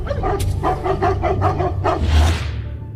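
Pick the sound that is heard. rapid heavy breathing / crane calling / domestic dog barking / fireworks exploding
domestic dog barking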